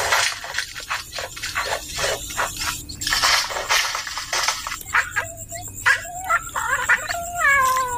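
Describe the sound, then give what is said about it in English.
A bowerbird in a River Red Gum mimics a cat's meow: several drawn-out, wavering mewing calls follow a stretch of scratchy, clattering bursts. The sounds are clear, with no talking. “Not only did our bow bird mimic cats, but what can only be described as someone messing around in the men's shed.”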